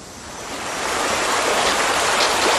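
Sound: shallow river water flowing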